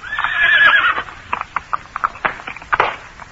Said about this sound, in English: A horse attached to one of the wagons was playing up, and as it came opposite us, the driver produced a great stave, and cursing angrily, he began to belabor the unfortunate animal.